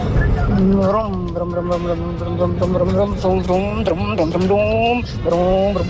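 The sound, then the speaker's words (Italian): A person vocally imitates a car engine revving and changing gear, the pitch climbing and dropping repeatedly as if shifting through gears, loud with no other sounds. “Si vede come ha cambiato la marcia?”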